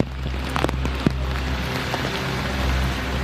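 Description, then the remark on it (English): Steady rain falls on the pavement of Skid Row, a dense wash of hiss with scattered louder drops and splashes over a low background rumble, with no voices. “When it rains, conditions on Skid Row turn from dreadful to deplorable.”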